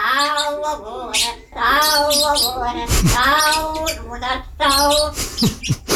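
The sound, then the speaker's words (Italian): A pet budgie chatters and warbles nonstop, its rapid, squeaky, almost speech-like babble broken by sharp high chirps and whistles over about six seconds. “Lei ha un pappagallino e mi ha mandato l'audio”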